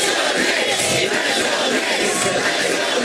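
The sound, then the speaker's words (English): A large crowd cheers and shouts continuously, a dense, loud roar of many voices with no pauses or breaks throughout, greeting a basketball team's starting five as they appear in Midtown on NBC's Today Show, two days after winning the NBA championship. “A large crowd greeted the starting five as they appeared in Midtown on NBC's Today Show just 2 days after their NBA title win.”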